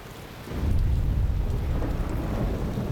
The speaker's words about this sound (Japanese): 雷鳴とも地鳴りともつかぬ異様な音響が腹に響く。 あんちゃん、なんだべあの音。 わからん、大砲の音みたいだな。 いう間も不気味な音が絶え間なく届く。ようやく裏山の頂上に登った頃、遠雷とも大砲ともつかぬその音響はやや低くなった。